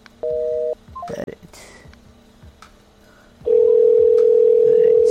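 A single short touch-tone beep, a few clicks and faint handling noise, then a loud steady ringing tone over the phone line that continues to the end.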